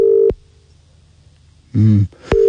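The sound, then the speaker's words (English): A phone line's ringing tone: a steady, fairly loud electronic burst, a long pause, then the tone starting again. A short voiced hum or murmur comes just before the second ring. “He's probably not going to answer his phone, but it'd be good if he did.”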